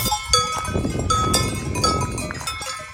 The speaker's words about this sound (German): Und dann haben wir so Glocken der Kühe so ganz im Hintergrund irgendwo auch gehört. So klang es ungefähr.